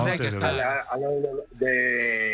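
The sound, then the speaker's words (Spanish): Neighbouring cows in the hills of Lugo moo in long, wavering calls, loud, with one brief pause before another drawn-out low bellow. “De vecinos tengo vacas y...”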